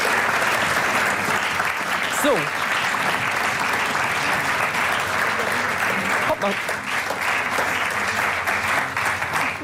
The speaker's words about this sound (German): wir könnt ja nochmal den Applaus proben, so zu sehen, ja, ne?